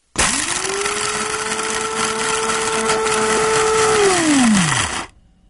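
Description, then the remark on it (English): The Coast Coffee Grinder whirs to life with a loud, steady motorized whine and gritty grinding noise for about four seconds, then its pitch drops as it winds down and stops. “The familiar sound of the Coast Coffee Grinder signals it's just past 10 o'clock on a Monday and time for the Coast Coffee Break”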